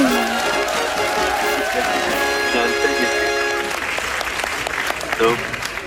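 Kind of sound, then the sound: crowd, children applauding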